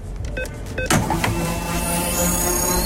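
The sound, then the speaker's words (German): A fuel card top-up sound effect on Radio Regenbogen's afternoon show: a few quick mechanical clicks and beeps, then a sudden burst into a steady, whirring pump-like hum that holds loudly to the end, with no voices. “So klingt's, wenn wir unsere 500€ Tankkarte aufladen.”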